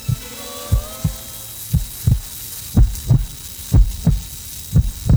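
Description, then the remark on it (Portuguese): A steady heartbeat thumps in low, paired beats, lub-dub, repeating about once a second, prominent over a faint background hum, with no voices. “agora todinha só coração batendo e nada de só coração. Tira qualquer trilha, só coração.”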